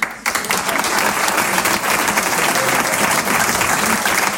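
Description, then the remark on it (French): A crowd bursts into sustained applause to show who thinks Barack Obama is the most stylish American president, a dense, steady wash of many hands clapping that starts abruptly and holds at full loudness throughout, with no voices standing out. “Maintenant, applaudissez pour voir ceux qui pensent que Barack Obama est le président que les Américains ont eu, qu'il soit le plus stylé.”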